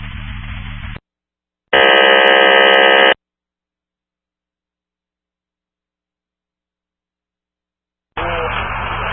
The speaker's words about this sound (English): Emergency tones from Brush 33 acknowledged on TM dispatch. Yeah, that was accidental.